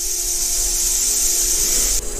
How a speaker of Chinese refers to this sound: 里面的雏鸟发现危险后，立即发出威慑的声音。这种声音酷似响尾蛇摇动尾尖发出的声响。